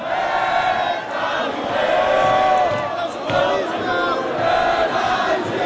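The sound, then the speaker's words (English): A large crowd in Paris sings the Marseillaise around midnight as a World Cup match between France and Morocco ends, a loud, continuous mass of voices with sustained melodic lines rising and swelling without pause. “As the game wraps up around midnight, the crowd sings the Marseillaise.”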